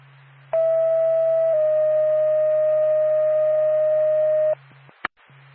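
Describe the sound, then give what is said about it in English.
A two-tone dispatch page for Lancaster Ambulance: a steady mid-pitched tone for about a second, then a slightly lower tone held for three seconds, over a low radio hum, ending with a couple of sharp clicks. The call is for an 87-year-old male needing lift assist at 651 U.S. Route 2 in Guildhall. “Solar Pack, Lancaster Ambulance, standby for tone.”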